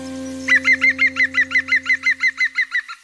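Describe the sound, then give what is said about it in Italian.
A green woodpecker gives its laughing call: a quick run of about fourteen loud, ringing, evenly spaced notes, clear over a faint low steady hum. “No, Picchio Verde, adesso non posso più parlare di voi.”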